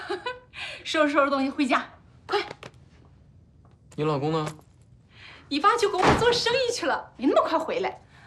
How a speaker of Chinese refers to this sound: 儿子啊，给妈开门，是妈妈，快点儿。 等一下，来了。